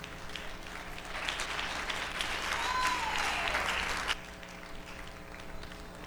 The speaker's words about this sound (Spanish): Dale un aplauso de Cristo ahí.